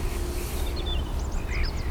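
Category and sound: bird, song thrush singing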